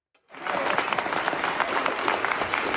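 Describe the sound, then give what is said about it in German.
Spontaneous applause breaks out in a hall of the Nuremberg Palace of Justice as news from Oslo of the Nobel Peace Prize is announced. It starts abruptly after a brief silence and continues as dense, steady clapping from many hands, loud. “Als die Nachricht aus Oslo bekannt wird, brandet spontaner Applaus auf und dann sogar kurzer Jubel, als die neue Friedensnobelpreisträgerin den Saal im Nürnberger Justizpalast betritt.”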